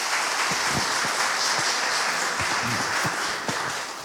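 Steady applause from an audience for a 90-year-old priest marking 62 years as a priest, a dense wash of many hands clapping at an even loudness throughout, with a few faint voices briefly audible underneath.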